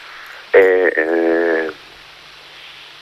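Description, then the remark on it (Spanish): An outgoing phone call to a caller's wife: a phone ringback tone sounds twice back to back, a steady buzzy tone with a short break between bursts, clear and fairly loud over a faint background hiss, with no talking. “Y ya os estamos llamando, ¿verdad?”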